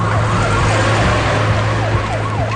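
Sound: police car sirens wailing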